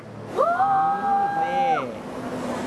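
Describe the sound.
A flyboard's water jet engine revs up, its whine climbing in pitch as the rider rises higher, then holding steady for about a second and a half before dropping away, with watery background noise and possible faint voices.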